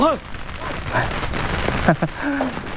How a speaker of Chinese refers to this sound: 太君，不用惊慌，不用惊慌，这是邢队长给老太太祝寿燃放的鞭炮、烟花。